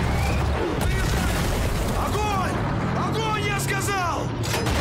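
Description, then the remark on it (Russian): A 45 mm gun fires amid a dense, continuous din of battle noise, with sharp bursts cutting through and voices shouting loudly over the rumble. “Выстрел 45-ки.”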